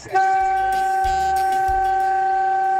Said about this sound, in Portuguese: Nossa, que buzina horrível, cara. Buzina horrível.